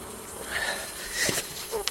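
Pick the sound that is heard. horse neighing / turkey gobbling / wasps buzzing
wasps buzzing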